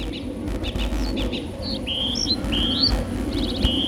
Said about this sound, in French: En vol d'un héron cendré.